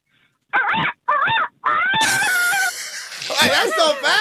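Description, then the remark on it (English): A person imitates a rooster crowing: three short, strained vocal bursts, then a longer, sustained high-pitched cry with wavering, rising and falling pitch. Loud, with no other talk over it. “A rooster.”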